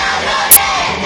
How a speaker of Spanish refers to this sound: Son estudiantes de la Universidad Pablo de Olavide de Sevilla durante la intervención del consejero de universidades en la apertura del curso. Gritaban consignas en favor de la universidad pública y exigían una mayor financiación para el centro.